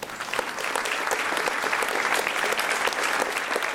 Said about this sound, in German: Auch an diesem Abend im Theater ist das Publikum begeistert. Immer wieder müssen die Klinikmitarbeiterinnen und Mitarbeiter auf die Bühne. Sie verneigen sich und genießen den Applaus.